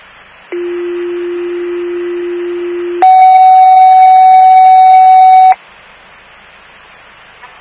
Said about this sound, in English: Fire alarm to station 25.